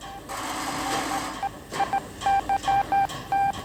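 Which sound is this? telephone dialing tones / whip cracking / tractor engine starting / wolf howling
telephone dialing tones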